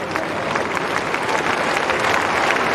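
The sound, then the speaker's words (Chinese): Steady applause from a large crowd of spectators at a tennis match between Zverev and Sinner, clapping to cheer on Zverev, a dense patter of many hands clapping at an even loudness throughout, with no voices standing out above it. “这现场的观众也在给茨维列夫加油啊，为他鼓掌，也希望他能够有更好的表现，让这场比赛就是打得更加激烈，更加精彩一些。”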